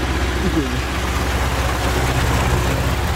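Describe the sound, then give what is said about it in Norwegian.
A large tractor's heavy engine rumbles in summer at Gudme on South Funen, Denmark, a deep, steady drone with a coarse mechanical rattle that holds at an even loudness for a few seconds without fading. “Der kom så en traktor.”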